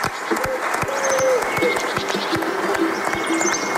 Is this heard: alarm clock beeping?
no